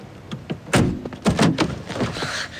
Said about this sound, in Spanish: El abogado se adelanta y sube a su coche. Antes de que arranque, Tom le abre la puerta del coche.